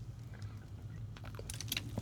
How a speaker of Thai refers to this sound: โอเคขออนุญาตจิบน้ำไปด้วยผมสอนหนังสือเยอะแล้วเสียงแหบอีกแล้วนะครับนะ